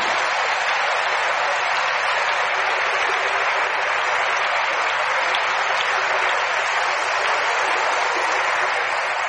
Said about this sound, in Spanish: ¿Quién da un aplauso a Jesús?